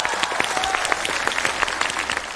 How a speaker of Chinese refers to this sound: 那刚才朋友们都鼓掌了吗？ 哪有人鼓掌？你看谁理你了？你看鼓掌。